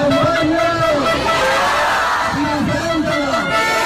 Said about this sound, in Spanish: Con gritos de dimisión del delegado del gobierno, al que acusan de traidor.